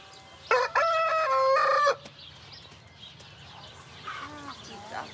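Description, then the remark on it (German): A rooster kept with up to 20 hens crows once, loud, a strong harmonic call lasting over a second, followed by quieter clucking and bird calls in the background. “Und auch Hühner und bis 20 Stück und ein Hahn.”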